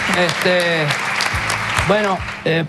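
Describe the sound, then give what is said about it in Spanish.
A crowd applauds a performance on a show, steadily and loudly for a few seconds, dense clapping mixed with several voices whooping and cheering over it. “un aplauso por eso.”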